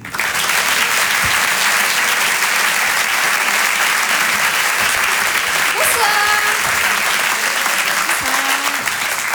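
Loud, sustained audience applause at the Rire et Chanson Comedy Club welcoming a comedian to the stage: a dense, steady roar of clapping with a few brief whistles or cheers rising near the middle.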